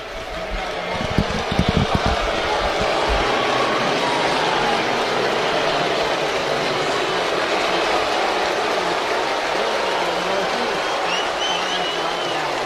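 A large crowd at Fenway Park on a Friday night roars steadily as Rafi Devers comes up, a dense wash of clapping mixed with long booing that stays loud and unbroken for the whole stretch, with a few heavier thumps early on.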